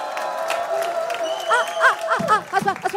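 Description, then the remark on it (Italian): An audience braving high temperatures at a live music performance on Radio Monte Carlo applauds steadily with a dense wash of clapping, while excited whoops and cheers rise over it in the second half. “Applauso”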